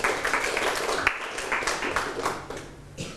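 A group of children in a classroom claps together for a classmate who answered correctly, a scattered burst of applause, steady and fairly loud throughout, with faint voices mixed underneath.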